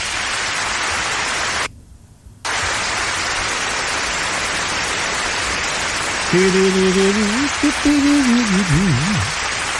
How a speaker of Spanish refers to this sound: Oye, ya, pero no tan grande el aplauso, ya, no se me emocionen, ya.